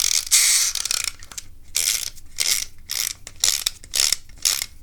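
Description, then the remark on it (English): The clockwork motor of a green toy boat is wound up by its small key in quick bursts, each turn a bright, raspy ratcheting click-whir, repeated about eight times with brief pauses between, with no talking. “Adjust the motor. Wind it up.”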